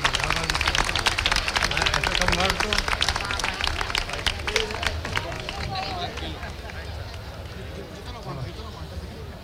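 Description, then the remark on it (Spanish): An audience at the 2026 San Miguel fair applauds an honorary member of the Caseta before his speech, with dense, steady clapping that stays loud for several seconds, then thins and softens slightly toward the end, with faint crowd murmur underneath. “Así que vamos a darle un fuerte aplauso y ahora sí vamos a escuchar a”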